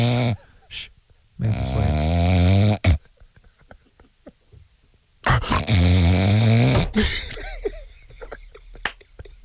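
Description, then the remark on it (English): Two long, loud snores, each a harsh, rattling drone lasting about two seconds, separated by a pause with faint rustling. A voice exaggeratedly imitates the snoring. “Sorry, did I fall asleep?”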